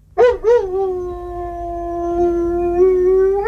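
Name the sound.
dog howling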